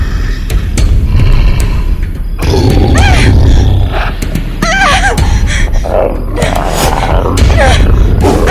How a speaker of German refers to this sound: Dafür ließ ein Brüllen sie nun herumfahren. Bei den drei Schwestern, was ist das?